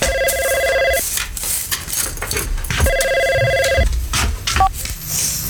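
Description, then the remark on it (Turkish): A telephone rings in two steady electronic bursts about two seconds apart, clear over a busy background with light clatter. “o telefonu getir.”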